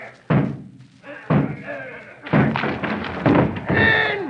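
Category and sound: impact, door being battered down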